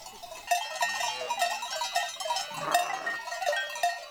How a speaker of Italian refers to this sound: Manuela ha portato le sue pecore dalla Val Venosta.